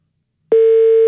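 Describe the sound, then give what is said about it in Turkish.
After a short silence, a steady electronic ringback tone from an outgoing phone call, placed one more time, begins abruptly and holds at an even pitch, clear, with no voices. “Son bir kere daha çaldırıyorum.”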